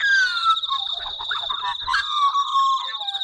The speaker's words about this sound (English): That beautiful fluting sound is the Australian magpie, large bird, black and white, not quite as big as a crow.